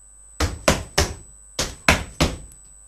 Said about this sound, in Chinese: 什么声响？人们吓坏了，以为是打雷呢。哦，原来是宝贝猪在上楼梯。